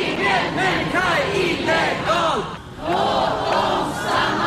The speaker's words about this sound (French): Aucun être humain n'est illégal, laissez-les rester. Voilà ce que scande la foule réunie au centre de Stockholm. Ils protestent contre la politique migratoire du gouvernement, jugée inhumaine